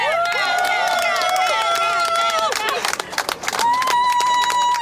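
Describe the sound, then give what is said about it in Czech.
A crowd claps steadily and loudly for a new world champion while high voices cheer and whoop over the applause, with a sustained whistle-like cry near the end. “Teďka vlastně můžeme slyšet tady tleskání a všichni jsou nadšení.”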